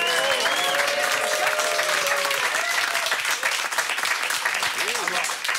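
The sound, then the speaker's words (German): Dense, steady audience applause fills the whole clip, a broad wash of many hands clapping at once, with faint cheers and voices rising over it early on. “Flamme Applaus dafür.”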